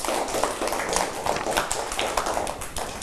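A small group in a class claps hands at the teacher's request for a classmate's artwork, in a dense, steady patter of sharp slaps that holds at an even moderate loudness for about three seconds, with no talking over it.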